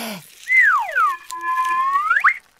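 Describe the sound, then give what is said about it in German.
A single shrill Karma whistle, blown to draw ants, swoops down in pitch, holds a steady, slightly wavering lower note for about a second, then slides sharply upward before cutting off. Fairly loud, with no voices. “Ja, die Ameisen eilen zu mir, wenn ich in die Pfeife blase.”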